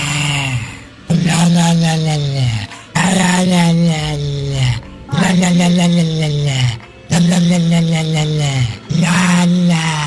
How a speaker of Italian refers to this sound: Wender ha trovato su Instagram il video di un cane che ringhia e la padrona gli muove la bocca facendogli emettere questi suoni.